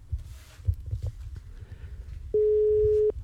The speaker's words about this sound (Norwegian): Tre ring. Har du ikke svart på de tre ringene, så legger jeg bare på, og så fortsetter jeg til neste mann. Så følg veldig nøye med på telefonen din nå, for nå skal det ringe.